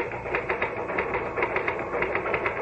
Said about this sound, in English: All the time I was typing, I felt myself pulling back, trying to make my fingers stop.